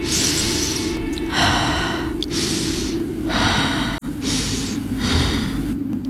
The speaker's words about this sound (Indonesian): Gak ada jawaban sama sekali. Cuma suara hembusan nafas gue sendiri.